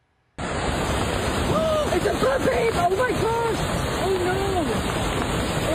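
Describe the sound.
A loud, steady roar of rushing flash floodwater carrying mud and rocks down the canyons of Zion National Park, Utah, after heavy rains, fills the whole recording, with excited voices calling out over the torrent partway through.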